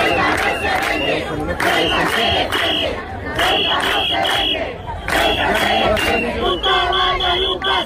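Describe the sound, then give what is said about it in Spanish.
A loud street protest crowd in Ceuta, on a Saturday, shouts in rhythmic, chant-like bursts over a constant roar of voices, with sharper, higher-pitched cries rising toward the end. “Este sábado ha habido una nueva jornada de protestas.”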